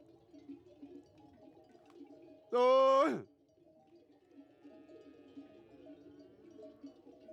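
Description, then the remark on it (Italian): A single loud, wavering bleat from a sheep in a moving flock on transhumance rings out over a steady low murmur of background noise and faint tinkling bells. “Mo sono avviato, vanno per fatti loro tranquillamente, non ci sono più problemi di gridare, se l'accolgono solo adesso.”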